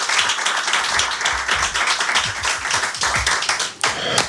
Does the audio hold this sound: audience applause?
yes